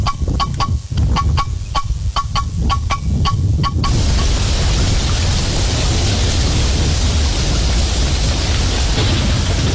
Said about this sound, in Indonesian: Beberapa hari ini hujan deras terus nih. Takut ada banjir, bencana.